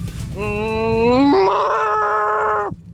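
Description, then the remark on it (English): A person on a BBC Radio 1 show imitates a cow with one long, loud, droning moo, a low voiced tone that jumps up in pitch about halfway through, holds steady, then cuts off abruptly. “A few messages came in being like, I can't believe you can't do a cow.”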